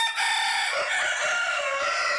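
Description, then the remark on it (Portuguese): Two roosters crow loudly, a sustained strained call that fills the whole moment with no voices present, the second crowing overlapping the first. “Agora é dois galos cantando.”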